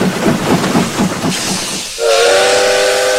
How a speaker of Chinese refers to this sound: 就在欧阳海赶着马车正要穿越铁路的时候，满载旅客北上的282次列车迎面疾驶而来。